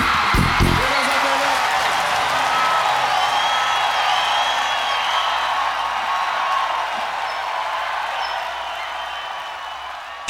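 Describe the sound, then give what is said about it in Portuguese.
A large crowd applauds and cheers steadily, with high-pitched screams and whoops from women rising above the sustained roar of clapping throughout. “Muito obrigado pelos aplausos. Muito obrigado pela gritaria da mulherada.”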